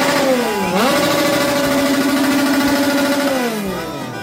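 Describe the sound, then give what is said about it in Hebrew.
A loud, steady blaring horn sounded by Mexican football fans outside the Ecuador national team's hotel holds one buzzy tone for about four seconds, dipping in pitch near the start and sliding down again at the end, with no voices. “חברים בבית וברכב, לא להיבהל, לא צופרים לכם, אלו נכון. האוהדים המקסיקנים.”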